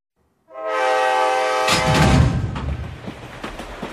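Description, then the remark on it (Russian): A train horn blares a sustained tone, then gives way to loud rumbling and the clatter of wheels knocking over rail joints. No voices are present. “Представьте, мерный стук колес, запеченная курица в фольге и чай в подстаканнике.”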